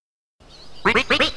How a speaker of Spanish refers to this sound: ¿Qué es lo que dices, pato? ¿Que tú también tienes una canción?